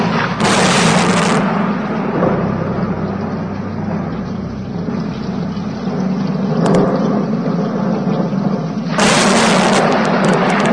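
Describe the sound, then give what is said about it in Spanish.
Thunder rumbles steadily through a storm, a deep continuous roar broken by sharp, bright cracks near the start, once midway, and again toward the end. “Bramaban las nubes, los truenos se sucedían unos a otros, se acercaba una terrible tormenta con intenciones de arrasar a la ciudad y a la parroquia.”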